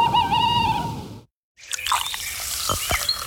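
A wavering, tonal owl call sounds alone for about a second, then a brief silence, followed by busy clattering and dripping noises with sharp splashy bursts.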